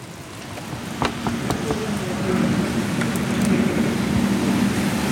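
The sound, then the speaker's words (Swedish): A steady, soft wash of light rain with a few scattered drip-like ticks, over a low, constant hum in the background. No one speaks. “Det regnar lite, men”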